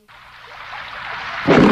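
Steady rain falls outside as a dense, hissing wash that gradually builds and swells louder toward the end, with no voices present.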